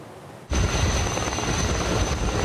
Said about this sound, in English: Helicopters loaded with water raced to contain a wildfire northwest of Athens for a fourth day on Monday, August 3rd.